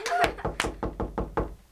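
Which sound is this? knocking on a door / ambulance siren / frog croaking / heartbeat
knocking on a door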